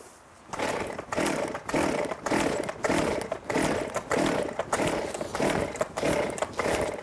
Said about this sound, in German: Seitdem sage ich immer, mach einmal die Säge an, guck, dass sie auch anspringt. Aber probier's nochmal.